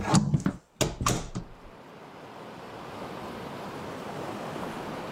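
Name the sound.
ocean waves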